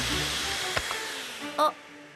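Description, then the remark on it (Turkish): A vacuum cleaner whirs steadily, its broad motor hiss filling the whole moment, with a brief thump and a short higher-pitched burst breaking through near the end. “Kuyruğunu süpürge mi yedi?”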